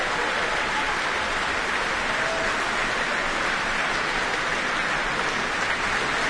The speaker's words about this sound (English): The audience cheering for their favourites for sure. And now the entire woodwind up on their feet.